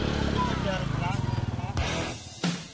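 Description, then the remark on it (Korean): A Philippine tricycle, a small motorcycle with a sidecar seat, idles and chugs at a rest stop parking area with a steady low pulsing rumble, while voices talk over it and a couple of sharp clatters break in near the end. “트라이시클은 필리핀의 대표적인 대중교통수단 중 하나인데요. 오토바이 옆에 보조좌석을 설치한 것으로 어디서든 손을 흔들면 쉽게 탈 수 있는 일종의 작은 택시입니다.”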